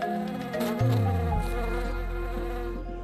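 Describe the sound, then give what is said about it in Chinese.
Honeybees buzz steadily among loquat blossoms covering the hills of a lake island in China in winter, several overlapping drones shifting in pitch as individual bees fly past, forming a continuous, fairly loud hum with no voices present. “漫山的枇杷花在冬季盛开，是蜜蜂们的天堂。”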